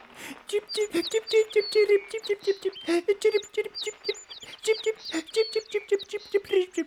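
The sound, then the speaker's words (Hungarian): Rapid, busy sparrow chirping runs for several seconds in quick twittering bursts, fairly loud, with a voice-like quality that suggests a person imitating the bird's chatter. “Fordítsd le, hogy mit mond a veréb.”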